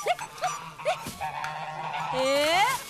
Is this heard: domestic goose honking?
yes